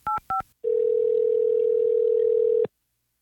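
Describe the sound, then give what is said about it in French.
Two quick dual-tone keypad beeps as a radio station, Rythme 97.1, dials a contest finalist's telephone number, followed by a steady, unbroken dial tone lasting about two seconds before cutting off abruptly. No voices are present. “On va composer son numéro de téléphone. Je suis en train de faire ça.”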